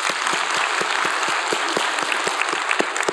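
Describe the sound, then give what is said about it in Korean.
A crowd claps steadily and loudly, many hands creating a dense, sustained wash of applause with individual claps popping through at a quick, even rhythm. “우리 하나님께 영광의 박수입니다.”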